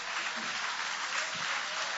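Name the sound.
audience applauding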